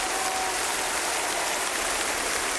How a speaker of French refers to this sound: Ah, ça donne le ton, ces applaudissements.